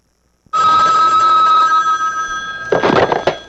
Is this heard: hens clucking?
no